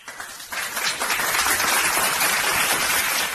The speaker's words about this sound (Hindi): तो जोरदार तालियों के साथ स्वागत कीजिए काशवी का।